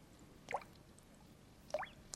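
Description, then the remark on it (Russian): Two separate drops of spring meltwater fall about a second apart under the spring sun, each a crisp, bright plink against a quiet, faintly hissing background with no voices. “Капель. При нынешнем весеннем солнце этот звук уже редкий.”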